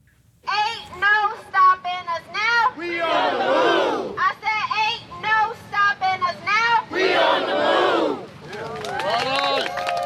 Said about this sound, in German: In der South Side von Chicago. Hier begann Barack Obama seine Karriere als Politiker. Hier lernte er die Liebe seines Lebens kennen, Michelle. Und hier protestieren vorgestern etwa 30 Anwohner gegen den Wandel, den das Obama Presidential Center